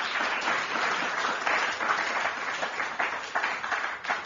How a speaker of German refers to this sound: Applaus bitte für die Stadt Wien.